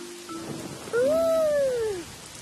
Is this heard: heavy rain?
yes